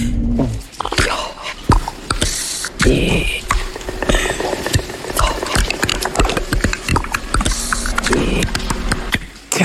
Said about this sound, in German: Solche außerirdischen Geräusche kommen dann plötzlich aus der hübschen Wetterfee und alle Zuschauer gucken staunend zu.